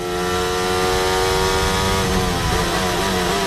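Piastri's Formula 1 car engine revs hard and steadily, its loud, buzzing harmonic whine holding high pitch and shifting slightly as the car accelerates, with no talking over it.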